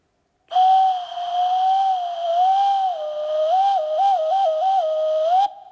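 A cuckoo fumbles its call: one long, wavering whistled tone that wobbles up and down, then breaks into quick warbling trills near the end. It is loud and alone, with no talking.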